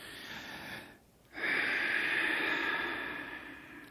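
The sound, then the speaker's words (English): A long, deep breath drawn in during a doctor's examination, a brief pause, then a loud, sustained airy exhale with a slightly wheezy, hissing edge. “All right, …, another breath.”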